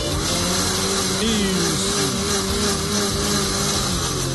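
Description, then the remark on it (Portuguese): A blender whirs steadily at high speed throughout, blending corn cream with coconut milk, condensed milk and three eggs, a loud continuous motor drone with a rough, churning texture and no pauses. “Liquidificador novamente.”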